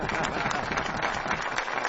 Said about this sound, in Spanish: Ovación de pie.